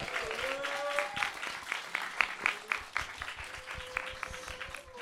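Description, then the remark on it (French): An audience claps in a steady burst of applause, dense irregular hand claps, with a few whistle-like tones drifting over the clapping. “Voilà, je pense qu'on peut les applaudir dès à présent.”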